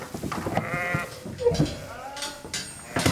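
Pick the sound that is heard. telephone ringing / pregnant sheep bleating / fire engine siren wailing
pregnant sheep bleating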